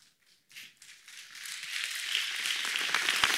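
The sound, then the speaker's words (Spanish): A church audience breaks into applause to honor and worship God, starting with a few scattered claps that quickly swell into steady, dense clapping and hold at full strength to the end. “Si va a honrarle a Dios adorándole con su aplauso, Él es digno de ser honrado y adorado.”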